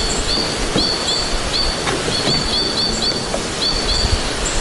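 Rapid, repeated chattering notes of a white-winged crossbill, a crimson-colored bird, from high in spruce trees on a summer solstice morning, in a steady series over a broad outdoor hiss, with no voices present.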